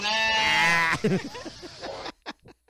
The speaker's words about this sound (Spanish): Mugre cabra que no te toma en serio.